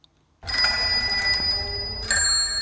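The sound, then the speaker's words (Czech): Several bicycle bells from bikes at a new cycling exhibition at the regional museum in Jílové u Prahy, Czech Republic, held for the Tour de France, ring together in a bright, metallic clatter that starts suddenly and keeps going, with a fresh burst of ringing near the end. No voices. “Tak to je zvonkohlas z našich kol na naší nové výstavě, kterou vlastně uspořádáváme kvůli závodu etap Tour de France, které se tady pojede 20.”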